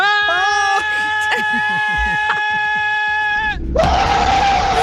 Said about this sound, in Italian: Questo cos'è? L'esorcista. È una frenata quella.